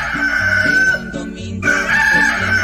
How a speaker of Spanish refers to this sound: Ya cantó el gallo, ya cantó el gallo, a levantarse, a despertarse, pues carajo.